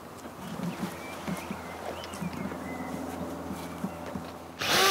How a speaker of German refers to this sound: bohrt zwei Löcher. Sie dienen der Luftzufuhr.